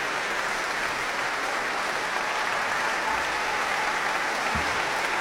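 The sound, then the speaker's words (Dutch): Sustained applause from a large concert audience thanking conductor Christian Karlsen, the London Sinfonietta and the performers on stage, a dense, steady clatter of many hands clapping at an even level throughout, with no voices standing out. “En Christian Carlsen, gebaard London Sinfonietta, sta op en ontvang de dank van het publiek.”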